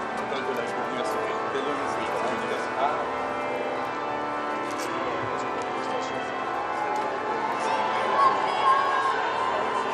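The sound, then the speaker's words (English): A large crowd at the Institute of Paris cheers and shouts continuously, welcoming Pope Leo as he arrives outside the entrance, a dense wash of many voices at a steady level, with a few louder whoops rising out of it toward the end. “You can hear the cheers and welcome coming from the Institute as Pope Leo has arrived outside of the entrance to the Institute of Paris.”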